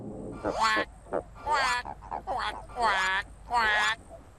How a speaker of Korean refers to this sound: 바로 그때 두꺼비 소리가 들려왔어요.